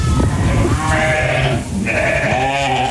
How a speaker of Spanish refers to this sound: Yo estoy en la Sierra de Cazón, la Segura y la Villa, que se llama Pontones. Yo tengo ovejas. Vamos a escucharlo.